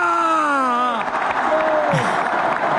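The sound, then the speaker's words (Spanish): A drawn-out shout of 'estamos de vuelta' from Antonio Hidalgo fades into a loud, dense roar of a big crowd of Deportivo fans in a packed plaza in Coruña cheering and applauding, with scattered whoops throughout. “Bueno, pero ese sonido de alegría, de felicidad, no escuchamos a Hidalgo, escuchamos ese...”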